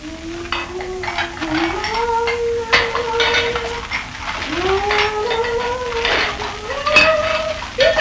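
Dishes being washed, with pots and cutlery clinking and clattering in sharp, irregular knocks, while a drawn-out, wavering whine rises and falls throughout, with no talking.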